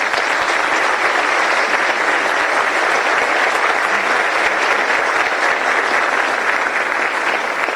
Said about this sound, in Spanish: Quiero pedir un aplauso fuerte para el doctor José María Peña, que está acá presente y nos está acompañando.